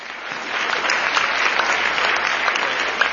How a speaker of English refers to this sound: Give him a round of applause. Make some noise.